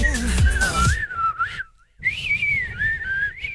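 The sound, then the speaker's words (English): Someone whistles a catchy pop tune, a clear, bright melody with sliding notes and a short pause midway, sounding loud over a brief burst of backing music at the start. “Oh, was that the whistler in the studio?”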